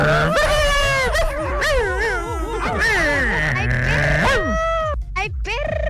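A dog whimpers and yips almost nonstop, its high, wavering whines rising and falling loudly over a steady, rhythmic low thumping.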